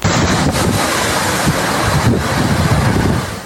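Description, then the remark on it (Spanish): Loud, roaring wind from a weekend rain and wind storm in Salto buffets the microphone in constant gusts, a dense rushing noise with rumbling low-end thumps and no voices. “finalmente este fin de semana llegó un temporal de lluvia y viento y Salto fue el departamento más afectado.”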